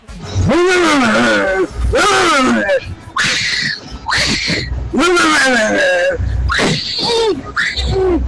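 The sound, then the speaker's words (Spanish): A puma roars and screams in a string of about six loud, harsh wailing cries that swoop up and down in pitch, with a voice briefly speaking amid them. “Es un cholo mordiendo un puma.”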